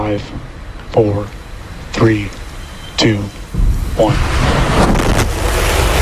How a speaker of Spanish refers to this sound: Es el despegue de Starship, el megacohete de SpaceX, la empresa de Elon Musk. Hoy ha conseguido poner su nave en órbita por primera vez, pero el vuelo ha terminado antes de lo previsto y con una explosión